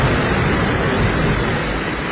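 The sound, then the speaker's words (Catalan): A loud, unbroken roar of torrential rain and floodwater rushing through the streets of central Santa Bàrbara, Montsià, Catalonia, in the early morning, a dense hiss with a low rumble underneath and no voices; nearly 150 litres per square metre fell over 12 hours. “Això és el so eixordidor de la tromba d'aigua descomunal que aquesta matinada baixava pel centre de Santa Bàrbara, al Montsià, perquè us en feu una idea, a les últimes 12 hores hi han caigut gairebé 150 litres per metre quadrat, que és una barbaritat”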